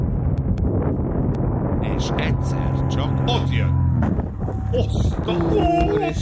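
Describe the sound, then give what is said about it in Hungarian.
Loud, steady wind rumbles and buffets against the microphone throughout while a paraglider flies, with a person speaking briefly and some sustained tonal, singing-like sounds drifting over the roar. “Ott, majd hallasz egy hangot, figyelj. Ez a szél.”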